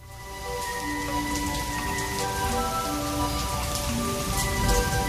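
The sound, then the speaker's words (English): Steady rain pours down onto a surface, a dense continuous patter of drops with a low rumbling undertone, constant throughout with no voices. “Do you believe this rain?”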